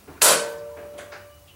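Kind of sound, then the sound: household object, heavy door creaking open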